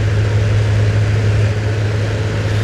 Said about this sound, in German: die vorhandenen Ventilatoren laufen auf Hochtouren.